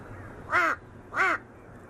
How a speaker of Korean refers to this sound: 괜히 옆에 와서 시비를 걸어보는 까마귀. 밉지가 않네요.